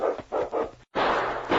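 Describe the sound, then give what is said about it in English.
A huge malamute dog barks three times in quick succession, loud, followed after a brief pause by a steady rushing noise, as the dog swiftly pursues a dog sled. “King, Preston's huge malamute, pursued them swiftly”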